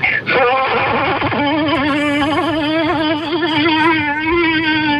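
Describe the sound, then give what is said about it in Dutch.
A man's voice buzzes in a sustained, wavering drone, mimicking a wasp in flight, loud, with a steady vibrato that rises and dips for several seconds without any words. “Maar laten we even terug naar de wesp. Dit was de wesp.”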